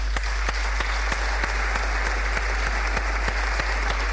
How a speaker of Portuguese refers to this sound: Assim, chamo ao palco Carlos Ferrão, para quem peço uma grande salva de palmas.